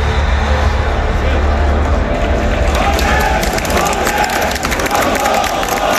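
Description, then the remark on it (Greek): A crowd at a political rally shouts and cheers steadily for six seconds, a loud continuous roar of voices with scattered claps and whistles rising through the middle. “Φωνάζουν τώρα εκεί πέρα 10 νοματέοι, πώς είναι.”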